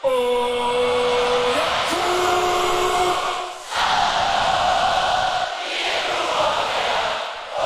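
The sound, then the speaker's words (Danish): A large festival crowd at Smukfest in Denmark sings a melody together in unison, sustained voices rising and falling in pitch, loud and continuous, with cheering and shouts mixed in. “Og før jeg spiller sangen for dig, så vil jeg bare lige bevise for dig, at jeg har ret, når jeg siger, at rigtig mange har sunget med. Senest på Smukfest her forleden.”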